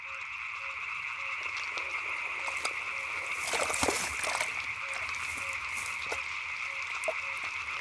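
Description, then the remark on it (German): A dense chorus of frogs croaking steadily to attract mates, their overlapping trills forming a continuous outdoor wall of sound, with a brief rustle or splash partway through. “Pech für den Frosch, dass die Schlange ihren Kiefer ausklinken kann.”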